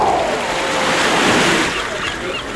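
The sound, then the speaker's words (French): Steady ocean surf rolls in a broad, continuous wash at the ocean shore, with wind from the open sea blowing across it and swelling slightly midway before easing off again, fairly loud. “Bien installé, au bord de l'océan, vous savourez le vent du large.”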